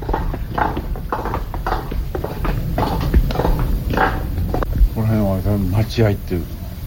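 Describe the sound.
A guide wearing wooden geta sandals walks at night through a dark narrow lane of traditional houses in Shinjuku. The sandals clack in a steady walking rhythm, sharp hollow knocks about twice a second over a low background hum, with a voice speaking briefly toward the end.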